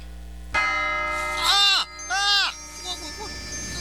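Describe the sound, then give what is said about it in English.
A single bell-like clock chime strikes once, marking one o'clock, and rings on with a long shimmering decay, while two drawn-out, wavering vocal tones rise and fall over the fading tone. “Oh, the chimes. Did he say 1 o'clock?”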